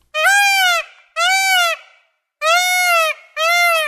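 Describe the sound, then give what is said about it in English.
A peacock gives four loud, piercing wails, each about a second long with a slight rise and fall in pitch, separated by brief pauses, with no voices. “That is a peacock.”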